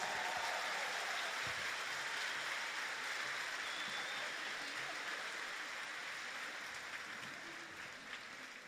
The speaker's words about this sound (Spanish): Ese aplauso para el Señor, fuerte. Él es el que nos reúne, nos alegra y nos va a llenar de bendiciones hoy. ¿Amén? ¿Cuántos lo creen? Entonces un aplauso más fuerte para Él.